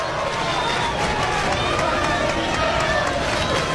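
A sustained roar of the Hoagland ballpark crowd cheering after a home run to right field by the Jayhawks' Bach, steady and loud throughout with dense overlapping voices and scattered whistles, no single voice standing out.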